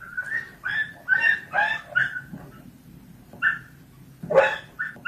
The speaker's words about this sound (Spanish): Tal vez han podido ver el vídeo en el que un vecino de San Bartolomé propina golpes a un perro, lo hace en la parte trasera de una furgoneta.